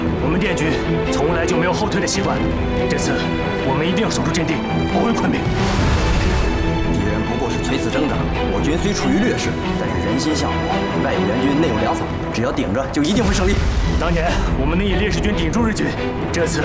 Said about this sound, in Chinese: 听外面的枪炮声，他正在狂轰滥炸，看样子他们想全歼我们。